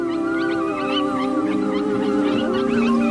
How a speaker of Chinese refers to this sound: 那是狼标志性的、富有穿透力的呼唤。遥远的某处传来了回应。